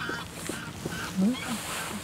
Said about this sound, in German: Das sind die Graugänse.